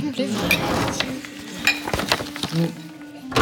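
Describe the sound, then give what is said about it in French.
Papyri being locked away in a safe until Cairo museum staff collect them: a series of metallic clinks, clunks and latch sounds, with some rustling, ending in a firmer bang. A voice murmurs faintly underneath. “tu gardes ces papyrus dans un coffre-fort comme des trésors ?”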